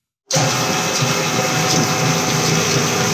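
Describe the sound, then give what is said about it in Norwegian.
A medium-sized kitchen machine in a small production facility where cosmetics are made starts up and whirs steadily, a loud, constant mechanical drone with a faint high hum and no talking. “En mellomstor kjøkkenmaskin står og surrer og går I et lite produksjonslokale.”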